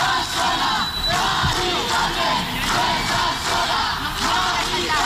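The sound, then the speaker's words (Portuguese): A crowd of about 300 protesters chants and shouts slogans outdoors in front of an apartment building in the Retiro neighbourhood of Madrid, Spain, protesting an eviction, voices massed together in a loud, steady roar that rises and falls in rhythmic bursts. “Em meio aos gritos de Mari Carmen, você não está sozinha, a idosa foi retirada do apartamento”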